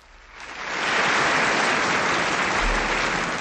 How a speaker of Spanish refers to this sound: Estos no son aplausos, parece que estuviera lloviendo, ¿verdad? Bueno, esto es el tráfico a esta hora de la tarde. No vayan a pensar que está lloviendo, ¿eh?